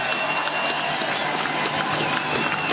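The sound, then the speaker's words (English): A large crowd of motor racing fans claps and cheers outdoors at a racetrack, a steady dense wash of applause with faint voices mixed in, sustained evenly throughout at moderate loudness. “This sport wouldn't be without you guys, so give yourself a round of applause.”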